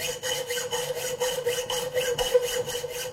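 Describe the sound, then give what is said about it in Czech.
A thin metal file rasps back and forth in a steady rhythm, about ten quick scraping strokes, fairly loud, with no talking. “A já zatím vytáhnu tady ze šuplíku tenký pilník.”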